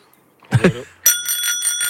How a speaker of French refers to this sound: C'était juste pour vous montrer qu'on a de magnifiques petites sonnettes ici à vous offrir. On en a offert quelques-unes sur le parcours.